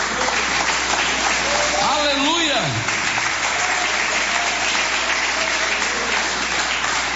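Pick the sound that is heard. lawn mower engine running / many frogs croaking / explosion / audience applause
audience applause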